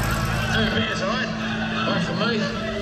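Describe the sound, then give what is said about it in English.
A completely restored old truck engine runs steadily, a loud, continuous rumbling drone with a gritty mechanical texture that holds an even level throughout. “I'm so glad to get it back and get it completely restored and running again. And it sounds like the beautiful beast has always been.”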